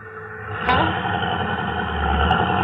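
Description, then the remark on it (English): A steady, low engine rumble drones throughout, continuous from a car idling in heavy traffic, with a couple of brief sharp clicks over it and no talking. “I know what I told you, but I didn't figure on so much traffic.”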